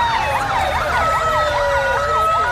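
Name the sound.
police sirens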